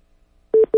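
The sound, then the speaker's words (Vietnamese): A telephone busy signal: two loud, steady electronic tone bursts with a short gap between them, starting after about half a second of silence. “Cái điện thoại của anh.”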